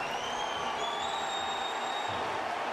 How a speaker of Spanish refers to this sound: Viene el cambio de Portland y es Valeri el que va a entrar por Van Ronkin. Y escuchen este aplauso para Diego Valeri.